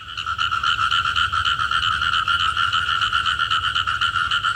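A dense chorus of frogs croaking continuously, with rapid pulsing calls overlapping into a loud, steady trill, over a low rumbling background and no voices.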